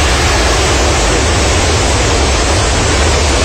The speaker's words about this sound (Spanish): Muy bien, podemos escuchar un poco de ese momento, porque hay varios registros, decíamos, que apuntan a mostrar la fuerza del agua y la fuerza del impacto, ¿no es cierto?, de esta crecida.